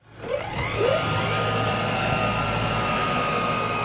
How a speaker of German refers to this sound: Vorbereitung eines Drohnenstarts auf dem kleinen Flugplatz Norden-Norddeich an der Küste Niedersachsens.